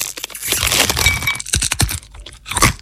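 Loud, crisp crunching of crunchy nuts being chewed, in a Latvian advertisement for the snack shop Rieksti jums LV: a rapid series of sharp cracking bursts with a brief pause midway, then a final burst of crunches. No one speaks.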